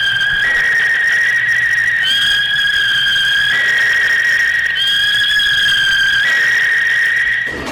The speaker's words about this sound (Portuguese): Vai arredondando ali o seu cronômetro. Apita o árbitro, começa o jogo.